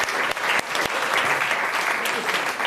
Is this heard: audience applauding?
yes